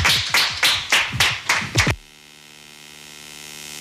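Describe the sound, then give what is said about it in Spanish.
An audience applauds the guests: about six or seven distinct claps in a quick rhythm, loud, stopping after two seconds and leaving only a steady low electrical hum. “Muchísimas gracias y a ustedes también por acompañarnos y un aplauso para nuestros invitados e invitadas.”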